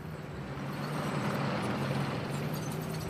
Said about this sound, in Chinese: 我们可以听见坦克加速前进的响声传来，我们可以听见坦克加速前进